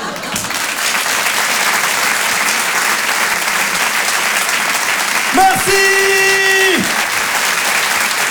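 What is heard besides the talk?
audience applause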